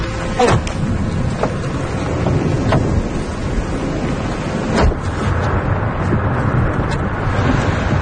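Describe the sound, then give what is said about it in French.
Heavy wind and rain of a thunderstorm with lightning, on muddy tracks, roar steadily and loudly, with sharp gusts and pattering bursts breaking through a dense, rumbling wash of storm noise. No one speaks. “Bon, on est vraiment au cœur de l'orage, hein.”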